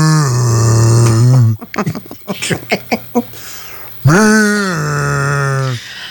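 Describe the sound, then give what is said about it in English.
A man imitates a foghorn, joking it should sound whenever a vaping friend exhales, with two long, low, droning vocal blasts, the second rising slightly in pitch, separated by a burst of choppy laughter-like vocal sounds. “You know, he needs to go around with just a foghorn. So whenever he exhales, there's a...”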